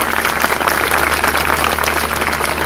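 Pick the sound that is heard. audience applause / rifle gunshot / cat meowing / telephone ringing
audience applause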